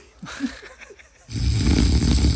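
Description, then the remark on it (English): A short, soft gurgling murmur gives way to one loud, raspy snore, a harsh rumbling inhale that keeps going steadily to the end without a break. “And snore three.”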